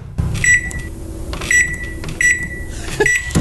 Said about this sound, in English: Hey, question. Why is this sound so loud at like 1 o'clock in the morning when you're trying to heat up leftovers?